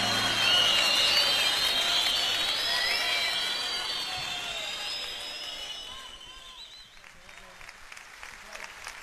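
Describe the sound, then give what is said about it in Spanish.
An audience applauds loudly in a dense wash of clapping, with cheers and shrill whistles riding on top, then the ovation tapers off and thins out over the last few seconds. “Bueno, el aplauso.”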